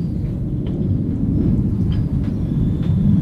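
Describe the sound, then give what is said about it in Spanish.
A person imitates a pig with a continuous run of low, rough, rumbling snorts and grunts for about three seconds, with no pauses and no talking. “A ver, repítame el cerdo.”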